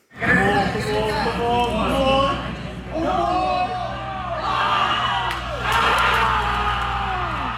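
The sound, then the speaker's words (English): A dense crowd of New York Knicks fans screams and cheers at full volume at JFK Airport Terminal 8 after the Knicks' comeback win over the San Antonio Spurs in the NBA Finals, overlapping voices whooping and yelling continuously, with surges of excitement rising and falling throughout. “Here is how the dramatic sequence went down at JFK Airport Terminal 8.”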